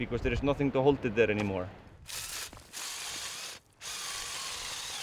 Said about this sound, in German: bohrt neue Löcher, um für die Gruppen, die weiter hinauf wollen, Halteseile zu befestigen. Im Sommer ist das mindestens einmal pro Woche notwendig.